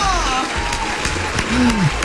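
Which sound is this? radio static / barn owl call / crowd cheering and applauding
crowd cheering and applauding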